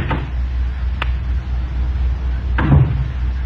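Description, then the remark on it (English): Someone fumbles with the door of a small guest cottage: a soft rattle, a brief click, then a heavier clunk of the latch a moment later, over a low steady rumble. “Lydia showed up while I was still fumbling with the door.”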